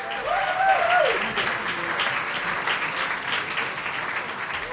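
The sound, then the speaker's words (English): A packed audience at the Atlantis club applauds pianist Sullivan Fortner at a jazz concert, loudly and steadily, a dense wash of clapping that holds at a consistent level, with a brief whoop or cheer rising above it near the start. “We're not used to that loud of an applause when we show up, you know, so...”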